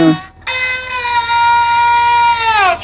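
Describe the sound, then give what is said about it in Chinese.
An imitation of a rooster crowing played on a zhuihu, a bowed string instrument: a short opening note, then one long, bright, buzzy tone held steady before a quick downward glide at the end. “你看， 公鸡叫。”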